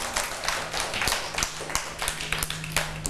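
A group of children clap their hands in a quick, uneven patter of sharp, bright slaps that runs steadily for a few seconds, with no talking over it.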